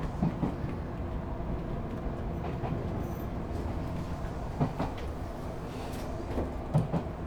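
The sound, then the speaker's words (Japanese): A train nearing Hakone, on a line with remnants of former three-rail track, rolls steadily along the rails with a constant low rumble, punctuated by periodic clacks and thumps from the wheels passing over track joints, heard from inside the carriage. “昔は三線機場といって線路が3本敷いてあったという”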